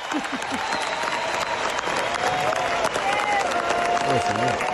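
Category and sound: crowd, audience ovation applause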